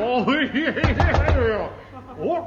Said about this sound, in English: Oh! There's someone knocking at the airship door at 20,000 feet. He must be very tall.